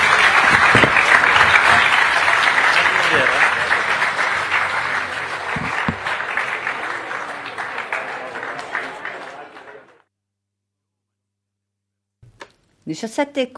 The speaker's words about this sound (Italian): Un applauso anche a chi mi ha intervistato.